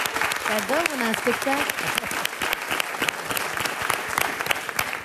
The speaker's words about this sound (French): On peut l'applaudir. Allez, venez.